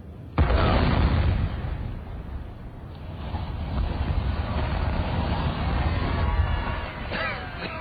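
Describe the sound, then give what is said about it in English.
A sudden loud blast from a factory chimney demolition explosion, followed by several seconds of heavy, rolling rumble as the structure collapses, filling the whole scene. “We've got another factory chimney tomorrow, haven't we?”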